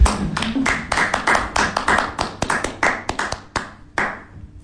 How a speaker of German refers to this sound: Aber ich klatsche jetzt mal für das Team von der Technik.